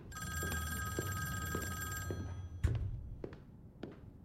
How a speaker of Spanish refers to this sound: El hombre que parece el jefe se adentra en una lujosa oficina. Un teléfono de estilo vintage suena.